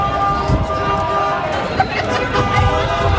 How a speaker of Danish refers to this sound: Det her dytten, botten, leben på åben gade i Aarhus kunne jo for eksempel være nogens største fest.